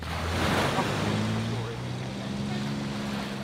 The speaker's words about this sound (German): Achtung, da kommt die Fähre. Wir müssen auf die Wellen achten.